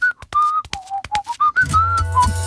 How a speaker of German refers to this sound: Die kann wirklich pfeifen.